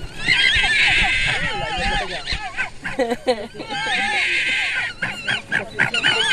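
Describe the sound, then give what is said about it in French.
Red fox cubs, recorded with a microphone placed inside their den, call without pause, a loud jumble of high, wavering whines and squeals that overlap one another, with a few short yelps breaking through midway. “Alors si on met le micro dans le terrier avec les petits, ça donne ça.”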